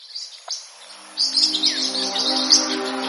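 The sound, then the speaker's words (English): Parrotlets chirp rapidly in high, twittering bursts, several birds calling over each other, with a steady low hum underneath. Nobody speaks. “the parrots who had the widest vocabulary in their baby days are the movers and shakers in parrotlet society today.”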